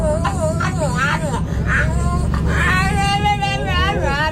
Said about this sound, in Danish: Hør! En hund som prater på bussen.